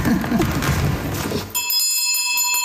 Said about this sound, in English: This is was the original grade 5 classroom. It's set up like a 1936 classroom. Does the bell work? The bell works.